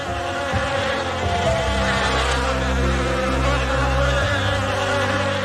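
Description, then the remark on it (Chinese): Chinese honeybees kept by traditional beekeeping in Shennongjia, China, drone in a steady, loud buzz, many insects humming together with a continuous low tone and shimmering higher whine, no voices present. “神农架是自古以来的养蜂圣地，是中华蜜蜂的天然庇护所。”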